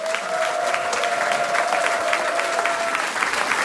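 A large audience claps steadily throughout, a dense, sustained wash of applause that stays loud and even from start to finish, with a faint tone humming faintly underneath.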